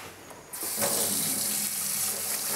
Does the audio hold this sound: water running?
yes